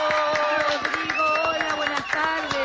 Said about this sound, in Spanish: Así que, bueno, con un aplauso lo recibimos.